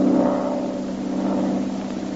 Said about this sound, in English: A single-engine plane was heard high overhead.